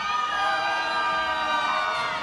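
A loud, high-pitched shout rings out from an audience member in response to a question asking whether there are single women in the audience, held steadily for a couple of seconds with a bright, wailing, almost siren-like tone over faint crowd noise.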